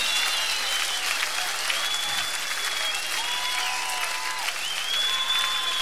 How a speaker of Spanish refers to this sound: Todos arriba, en vivo, con esas palmas que se escuchen, porque se está grabando en vivo, está llegando a todo el país.